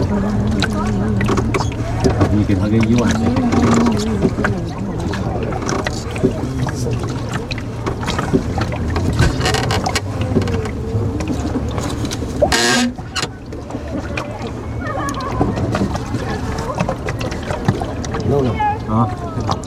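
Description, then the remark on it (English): A boat's engine drones steadily throughout a tourist boat ride on Halong Bay, with a constant low hum while several people talk indistinctly over it; a brief louder clatter breaks in midway. “The bus trip, the ferry, the bamboo boat, the hidden caves.”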